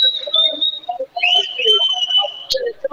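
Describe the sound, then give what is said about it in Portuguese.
A basketball crowd whistles in a steady, shrill high-pitched stream that wavers slightly in pitch while Miguel Monteiro stands at the free-throw line, running through the whole moment while a man keeps talking underneath. “Aqui com os assobios da massa.”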